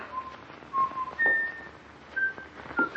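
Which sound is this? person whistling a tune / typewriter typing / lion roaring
person whistling a tune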